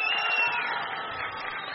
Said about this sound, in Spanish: Les pido un aplauso muy cariñoso